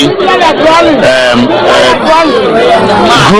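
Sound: residents cheering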